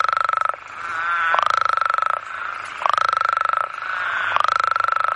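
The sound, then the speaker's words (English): A loud, dense chorus of male toads calling at a temporary breeding pool, long buzzing trills overlapping and surging in waves, continuous with no one talking. “So it's very, very noisy, and just the water is just full of frogs calling.”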